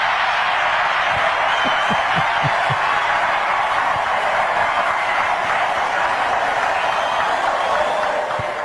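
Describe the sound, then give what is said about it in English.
A large crowd claps and cheers for the vice president's remark to a protester waving the Mexican flag, in a dense, steady roar that holds at full strength throughout, with a few voices shouting out near the start. “How can you cheer for that? How can you clap for that?”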